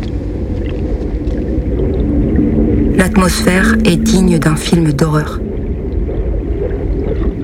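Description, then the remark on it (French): A steady, heavy low roar of storm wind and rumbling sea, heard while sheltering in a lighthouse, fills the whole stretch without letup, with a man speaking briefly over it partway through. “Je décide de m'abriter dans un phare pour laisser passer la tempête et reprendre des forces.”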